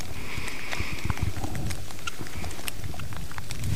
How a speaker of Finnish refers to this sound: Sade tuossa hieman ehkä otti vähän vauhtia lisää niin sanotusti, eli kovempi sade alkoi, mutta vieläkin aika maltillista.